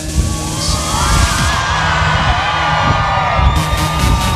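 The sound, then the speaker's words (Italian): A large crowd at the Frecce Tricolori air show in Policoro cheers and shouts continuously to greet the team's pilots as the jets pass close, a dense, loud roar of voices with scattered whoops and yells rising above it throughout. “E ora che sono vicini, provate a farvi sentire!”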